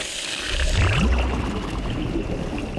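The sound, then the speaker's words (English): Steady rushing, gurgling water pours from a big pipe through an intake net into a water treatment plant, a dense continuous wash with low churning and occasional swirling tones, no voices present. “This makes sure the big stuff stays out and just the water comes in.”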